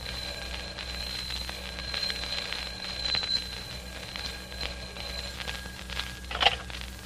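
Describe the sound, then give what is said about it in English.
A telephone bell rings on and on in a darkened apartment in London, a bright, steady metallic trill lasting several seconds over a low constant hum, with no voices. “It begins in London with a telephone ringing in a darkened apartment.”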